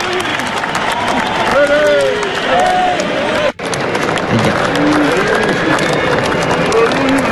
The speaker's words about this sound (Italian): C'era un grande entusiasmo, degli applausi per qualcuno e poi è successo qualcosa.